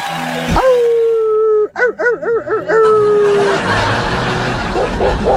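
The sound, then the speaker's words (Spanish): A dog howls: one long drawn-out tone that breaks into a few rapid, wavering yelps in the middle before trailing off into a noisy background. “Anda, perro. Ya, ya, ya.”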